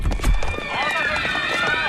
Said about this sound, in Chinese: 哟，这人们都在往楼下跑啊，是不是着火了？